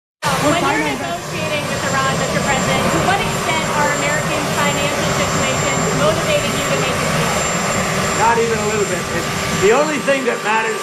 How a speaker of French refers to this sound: Bon, alors, je reprends la parole ici parce qu'on entend beaucoup l'hélicoptère derrière lui, mais il est questionné sur sa négociation avec l'Iran.